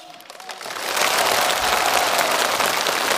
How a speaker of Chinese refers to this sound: 掌声有请挑战者进入挑战区域。